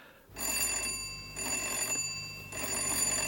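An electric doorbell rings insistently in three long, shrill bursts separated by brief gaps, a bright metallic trill with sharp high overtones and no voices.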